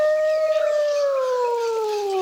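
A single long wolf howl, a steady tonal cry that slowly glides downward in pitch over about two seconds, loud and alone with no voices.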